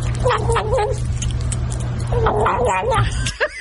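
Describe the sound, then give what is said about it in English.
A kitten gobbles its food like a turkey, letting out two long bursts of wavering, warbling growl-like noises over a steady low hum, then a few short clipped sounds at the end. “That is a kitten eating food, gobbling like a turkey.”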